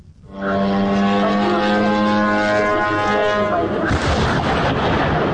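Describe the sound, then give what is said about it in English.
A loud, steady droning engine buzz of a Ukrainian drone holds for a few seconds, then cuts into a sharp, rumbling blast as it crashes into a warehouse of the Russian retailer Wildberries in Elektrostal, 60 km east of Moscow; explosions crash and roar on to the end, with no voices. “In the city of Elektrostal, 60 kilometres east of Moscow, a Ukrainian drone crashes into a warehouse of the Russian retailer Wildberries. The explosions and resulting fires, which burnt for 3 days, so large they could be seen from space,”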